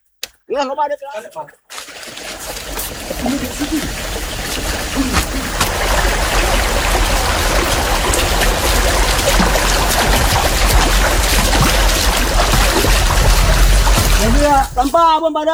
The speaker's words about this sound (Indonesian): Pengambilan air suci ini dilakukan di suatu tempat, di hutan. Air ditampung dalam bambu yang diukir dengan cara khas.